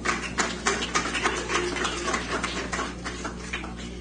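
A crowd of people applauds after a baptism, a dense, steady patter of many rapid claps at moderate volume that continues evenly for about four seconds with no talking over it.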